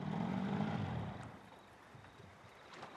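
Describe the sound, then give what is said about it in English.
A small flat-bottom boat's low motor hum cuts out after about a second as the motor is killed, leaving a quiet drift toward wooden decking at a houseboat, with faint lapping water and a soft outdoor breeze. “They kill the motor and drift towards the wooden decking.”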